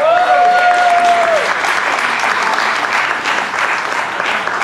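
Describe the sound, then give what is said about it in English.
A crowd claps and applauds loudly and steadily throughout, a dense wash of hand claps, with a brief sustained tone, like a whistle or feedback, at the start. “And I just, clap yourselves coming out tonight. Thank y'all for being here, man.”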